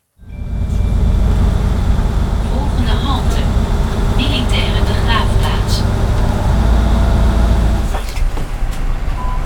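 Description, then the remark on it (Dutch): Steady low engine rumble inside a bus riding to the Grebbeberg military war cemetery, with rattles, clicks and brief higher tones over a constant drone; faint talk may be mixed in, and the rumble shifts near the end. “we stappen de bus in met … en … op weg naar het militair ereveld Grebbeberg”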